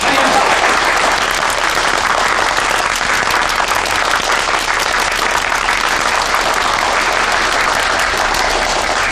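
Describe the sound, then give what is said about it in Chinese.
Warm, sustained applause from the audience at a situation report meeting held by the Beijing branch of the Communist Party of China and the Marxist Theory Research Society, welcoming representatives of the Changxindian workers' club; dense overlapping claps at a steady loud level, no voices standing out. “同志们，今天是中国共产党北京支部和马克思学说研究会共同举办的形势报告会，而且长辛店的工人俱乐部也派出代表前来参加，让我们以热烈的掌声欢迎他们的到来。”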